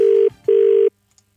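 A telephone ringing tone sounds twice in quick succession as a radio breakfast show phones a contest winner, two loud steady electronic bursts with a short gap between them, then silence. No voices are heard.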